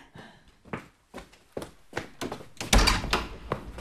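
A run of soft knocks and thuds, like footsteps and handling, leads to a louder clunk of a door being opened around the middle to answer the doorbell, followed by a few more muffled bumps.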